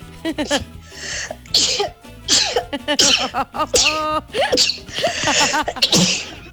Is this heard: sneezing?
yes